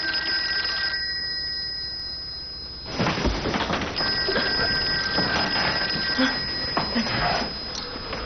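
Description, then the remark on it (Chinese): An old-style telephone bell rings insistently, with bursts of rapid metallic trilling repeating over a steady low hum. “喂，哎，我给你打电话，你太太说那夜里没回来啊？”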